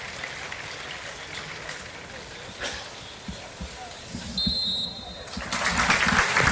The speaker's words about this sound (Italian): Il fischio di sozza, lo stadio che si scioglie in un applauso nel ricordo di Sandro Mazzola per una partita, quella tra Venezia e Lazio, importantissima per entrambe le compagini